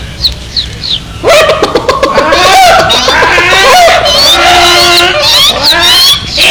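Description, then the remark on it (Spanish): A few high chirps, then a loud, frantic burst of squawking birds and a dog barking. The flurry of overlapping cries continues without pause as the dog runs to the chicken coops, where a crow and a hawk are trying to eat the chicks. “El perro corrió hasta los gallineros en el preciso momento en que el cuervo y el gavilán trataban de comerse a los pollitos.”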